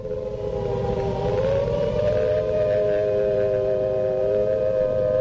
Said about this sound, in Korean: 공습경보 신호가 울린 지 얼마 안 되어 몇십 대의 미국 비행기들이 단독 맞은 쪽인 조선의 신의주 상공에 덮쳐들었다.